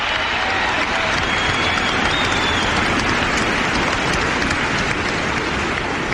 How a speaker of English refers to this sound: And the crowd? The crowd was thunderous.